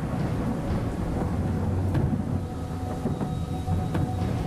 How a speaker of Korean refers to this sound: 그러자 갑자기 하늘에서 천둥 번개가 치고 장대 같은 비가 쏟아지기 시작했습니다.